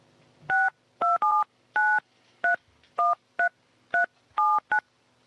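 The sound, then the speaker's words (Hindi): A phone number is keyed in on a telephone to make a call: about ten crisp touch-tone beeps, each a short two-note tone, tapped out at an uneven quick pace, clear with no voices. “मैं सोचती फोन कर लेती हूँ।”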